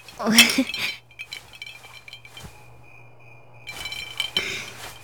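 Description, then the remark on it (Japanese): Glasses clink in a toast: a bright glassy clink rings out near the start, followed by a thin lingering ring, with a low steady hum underneath and a brief burst of voices and movement near the end. “ほら、乾杯！ 乾杯！”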